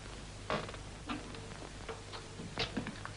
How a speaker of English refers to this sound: how's your clock, Ivy? The one with the figures on.